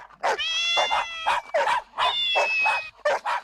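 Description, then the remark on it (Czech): A chorus of cats meowing and dogs barking and yipping, loud, with drawn-out mewing calls overlapping a quick series of short barks for a few seconds. “Myslím, že by bylo kratší říct všechny kočky a psy, kteří jsou kamaráčtí a přišli si popovídat.”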